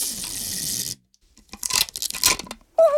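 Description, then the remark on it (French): Adhesive tape is pulled off a roll with a long, steady ripping screech, then a pause followed by several shorter crackling tears and stretches as more long pieces are unrolled to tape the walls of a house together, fairly loud, with no one talking. “Il déroule un grand bout de scotch.”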